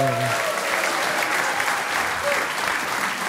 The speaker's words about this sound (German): Publikum, jetzt hören wir noch einmal den Kollegen, der gerade mit seinem Programm Import-Export auf Deutschland-Tournee ist. Einen riesigen Applaus für Christian Schulte-Loh!